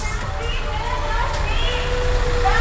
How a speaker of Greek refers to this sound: Γίνονται, δεν ξέρω, συλλαλητήρια λέγονται αυτά. Γίνεται πανικός έξω. Έχει πάνω από 200-300 άτομα. Γίνεται χαμός. Δεν ξέρω γιατί. Έχουν πάρα πολλά παράπονα όλοι τους.